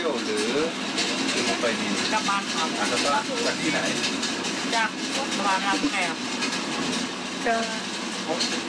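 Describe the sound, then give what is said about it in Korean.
Steady, loud rumble and rattle of a passenger train that departs from Bangkok, rolling along the tracks, heard from inside, with voices chattering over the continuous noise; students ride it home from school. “이 열차가 방콕에서 출발하는 열차거든요.”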